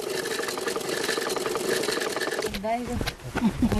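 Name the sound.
sewing machine running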